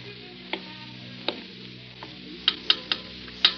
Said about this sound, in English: So it's raining outside. Yeah, it's raining up the river and it's raining in the mountains.